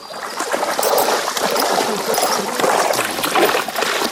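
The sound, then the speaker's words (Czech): Water sprays steadily from a hose onto a horse being showered to cool off in hot weather, a continuous hiss with splashing and trickling running through the whole stretch without letup. “Frenka a ten miluje vodu, takže ten nám tady i chvilku postojí a nechá se osprchovat”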